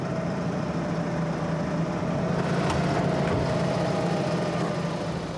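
A tractor engine runs steadily as the tractor is readied for a first driving exercise in a training session, a constant low rumble with a droning hum and faint mechanical rattle, no voices, holding an even loudness throughout.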